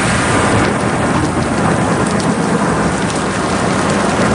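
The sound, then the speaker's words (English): A heavy downpour roars steadily, dense rain hammering surfaces, with a deep rumble of thunder rolling underneath throughout a monsoon storm. No voices are heard. “When it happens, you know why it is they call it the monsoon.”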